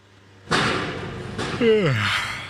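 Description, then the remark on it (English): Loud street construction noise on 2nd Avenue in East Harlem, New York, where the MTA is building a new subway: a heavy slam lands, then a second crash with a brief descending squeal, followed by a steady, harsh roar of machinery. “Sure is loud. This stretch of 2nd Avenue is one big construction site.”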